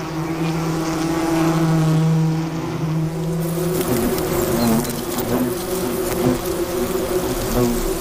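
Wasps buzz steadily throughout with a low, droning hum; partway through the pitch wavers and shifts as several insects' buzzing overlaps. No voices are heard.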